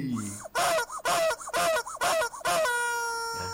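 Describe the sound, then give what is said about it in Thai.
A chicken squawks and clucks loudly in five rapid, agitated bursts, then a sustained rooster-like crow rings out before trailing off. No voices accompany the fowl. “แต่ไก่ไม่เกี่ยวนะครับ”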